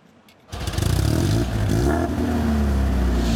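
A small Italian car's 1.6-litre inline four-cylinder twin-cam engine is started with the key, catching abruptly after a brief quiet moment and settling into a loud, steady idle with a throaty, rumbling exhaust note.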